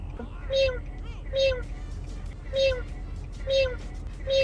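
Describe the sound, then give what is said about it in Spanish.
A voice imitates a cat's meow four times in a steady rhythm, each short, whiny call clear over a faint background hum. “Miau. ¿Así o mejor?”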